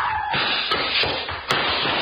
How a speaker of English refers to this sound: Back up as far as the chair and... That was beautiful. You knocked him down with the chair.